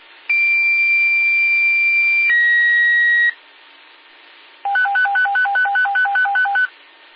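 A radio pager tone test: a long, steady high-pitched tone shifts to a slightly lower one, then after a short pause a quick train of clipped, alternating beeps follows. No talking.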